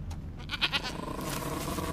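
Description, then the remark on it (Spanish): A goat, brought by a man leading it on a rope, bleats in a short, wavering cry with a couple of quick pulses, set against a low, steady background rumble with no talking. “Un hombre les lleva una cabra.”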